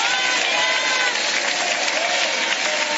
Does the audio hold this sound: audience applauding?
yes